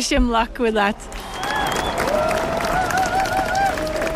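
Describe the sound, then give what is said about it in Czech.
A voice calls out briefly, then scattered applause mixes with the noisy murmur of a large crowd, holding at a fairly steady level as the applause dies away and the crowd quickly disperses. “Jenom dozněl potlesk a dav se rychle rozpouští.”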